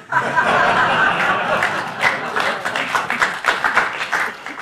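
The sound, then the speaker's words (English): A studio audience claps steadily for several seconds, a dense patter of many hands, with scattered chuckles and murmured chatter mixed in as the applause thins toward the end. “Thank you for that polite applause.”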